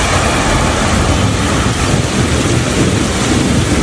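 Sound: thunder rumbling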